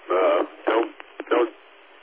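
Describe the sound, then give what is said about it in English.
Choppy bursts of narrow, tinny radio noise break in and out over about two seconds, with a couple of sharp clicks between them, interference on a two-way radio repeater frequency. “Intentional interference, that could be it”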